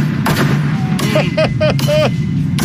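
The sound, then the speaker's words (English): A woman smashing a man's car: a series of loud, sharp metallic bangs and crunches, about six irregular blows, some ringing briefly, over a steady low rumble. “Yeah, this is a hot sound, her smashing his car.”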